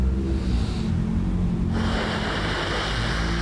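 Loud breathing with no talking: a long, airy draw of breath that shifts partway through into a breathier, hissing rush of air, a deep slow inhale followed by an exhale, done continuously as a deep, long breathing exercise.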